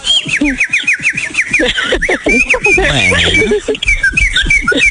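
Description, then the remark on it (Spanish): A bird whistles in rapid, warbling trills, breaking into loud, raspy squawks midway, then returning to chirpy whistling, with near-continuous calls throughout and no clear talking. “Pues ahora sí que hablando de pájaros, ahí les va la canción.”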